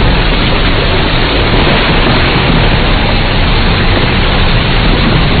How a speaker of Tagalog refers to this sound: Ang lakas ng kidlat at kulob, umulan na.